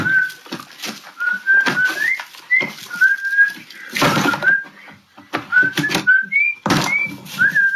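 A man whistles a casual, meandering tune in short, steady notes while throwing Yeezy sneakers into the trash; loud thuds and rustling clatter break in now and then.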